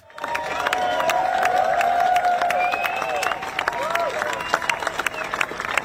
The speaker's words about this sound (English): Bonnie Tyler's coffin has been taken through the Mumbles, where she lived in Swansea, to allow people to pay their respects ahead of her funeral on Monday. The crowd applauded as the procession went past.